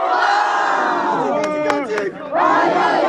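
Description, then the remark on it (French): A large crowd of high school students cheers and shouts loudly and continuously, welcoming their student delegation as heroes in front of the prefecture in Mayenne, France, after the delegation's meeting with the prefect. A few sharp whistles cut through midway, and there is a brief dip before the roar swells again. “Après 1h30 de réunion, ils ont été accueillis en héros par leurs camarades devant la préfecture.”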